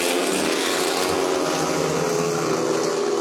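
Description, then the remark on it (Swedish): Several motorcycle engines roar continuously at high revs, a dense, buzzing drone with steady loudness and wavering pitch, as speedway bikes race together in the first heat of the evening, Västervik against Lejonen, at Ljungheden in Västervik, with Mattias Tjernak leading. No voices are heard. “Motorbrunn från Ljungheden i Västervik, det är just nu ledning för Mattias Tjernak, en av lejonförarna som kamperar ihop med landsmannen Robert Schmid som har det desto kärvare just nu, 3-3 läge halvvägs in i heatet.”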